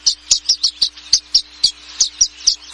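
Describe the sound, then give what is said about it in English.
Violet-green swallows, gathered on electrical wires after nesting season in the western United States, chirp in a quick, steady run of about fifteen bright, high twittering notes, clear over a faint low hum, with no voices. “Once nesting season ends, these violet-green swallows seem to know it's time to party.”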